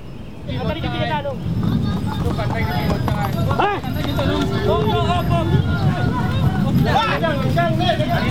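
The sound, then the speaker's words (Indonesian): Hooves of a large horse being ridden clip-clop in a steady, brisk rhythm beneath a busy background of crowd chatter and overlapping voices. “Sekarang sudah besar, saya naik kuda yang besar.”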